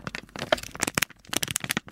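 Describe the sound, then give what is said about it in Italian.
Paper is crumpled and scrunched in a dense run of sharp, crackling rustles with no voices, played as a sound for a radio quiz contestant to identify the material. The bursts come unevenly, some louder snaps standing out among softer crinkles. “Mi sembra un rumore di carta.”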